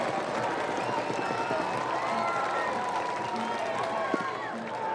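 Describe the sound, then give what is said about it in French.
A large stadium crowd at a baseball game fills the scene with a dense, steady roar of voices and scattered shouts, sustained and lively throughout, fans stirring with excitement with two strikes and two outs. “La foule qui s'anime, une balle, 2 prises, 2 retraits.”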